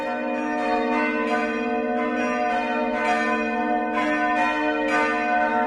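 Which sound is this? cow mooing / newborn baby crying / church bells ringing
church bells ringing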